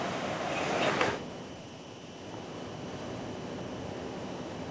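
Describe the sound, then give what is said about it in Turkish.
High sea waves in bad weather in Istanbul: rough surf surges and breaks loudly in the first second, then a steady roar of churning sea and strong wind fills the rest, continuous with no voices. “Özellikle Şile'de, Beykoz'da, Arnavutköy'de bu yüksek dalga boyu sebebiyle denize girmek artık yasaklandı.”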